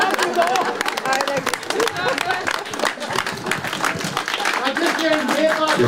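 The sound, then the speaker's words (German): An audience at a concert in the Alte Schmiede on a Sunday afternoon claps steadily in a dense, continuous wash of applause, with voices chattering and calling out through it from start to finish. “Weiter klatschen!”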